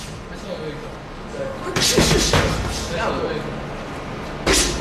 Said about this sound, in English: If you get lost looking for the Law Town Boxing Gym in Lawrence, just follow the thuds of fist making contact with punching bags and bodies.